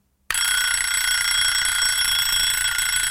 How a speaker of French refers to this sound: 7 heures, le réveil sonne, mais ça fait déjà un bon moment que j'ai les yeux ouverts.